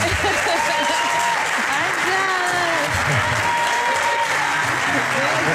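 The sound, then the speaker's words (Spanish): Sustained audience applause for Ángels Barceló, a dense, steady wash of clapping from many hands at constant loudness, with faint voices mixed in beneath it. “Tenemos esta artista que nos acompaña, esta catedral, y Ángels Barceló, por favor, denle un aplauso nuevamente.”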